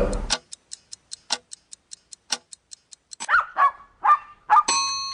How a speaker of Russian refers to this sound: Там была маленькая собачка Титина у Нобеля, вот такая противная